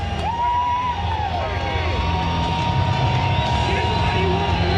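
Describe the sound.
A big crowd at Hodgetown ballpark roars steadily and loudly throughout a postseason baseball game, with shrill whistles sliding up and down above the dense wash of cheering and a babble of voices.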